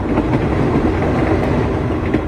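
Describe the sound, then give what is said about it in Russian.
An express train rumbles steadily along the rails as it begins to brake on its approach to Trnava station, a dense low roar with faint rhythmic wheel clatter, continuous with no voices. “Скорый начал притормаживать, мимо Мирка пробежал проводник, громко объявляя, что поезд подъезжает к станции Трнава.”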